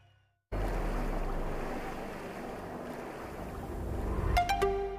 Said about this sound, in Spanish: Esto es un enfrentamiento entre la Guardia Costera China y la de Filipinas en el mar de China Meridional.